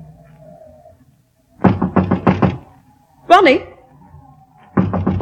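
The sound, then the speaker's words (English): A quick burst of loud knocking on a locked door by a mother calling to her son, a brief cat meow, then another round of rapid knocks begins, with a faint low hum beneath. “Ronnie, dear, it's Mother. Why, it's locked. The door's locked.”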